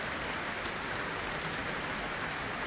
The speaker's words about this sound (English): The soloist was Serena Wang, performing with the Shanghai Symphony Orchestra and conductor Long Yu. Earning a very warm applause here for the cultural exchange gesture.